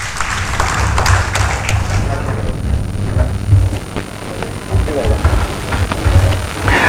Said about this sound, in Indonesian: Masih gagah, tepuk tangan dong Bapak Ibu.